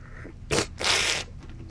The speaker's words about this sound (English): It's called strapaccio. It's not like pretentious. It actually does help you slurp it and get it all over your palate.